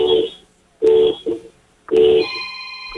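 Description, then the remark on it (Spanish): Four medium car horn honks, made by a caller holding a cellphone out of a window, come through a phone line, sounding tinny, spaced unevenly with a short gap before the third, followed by a faint steady electronic tone. “Hermano, te voy a pedir un favor, prepara tu bocina, asoma el celular por la ventana para que se escuche. Quiero cuatro bocinazos medianos ahora.”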